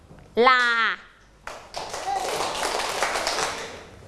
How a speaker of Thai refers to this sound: ปรบมือหนึ่งครั้งปรบมือเป็นจำนวนขา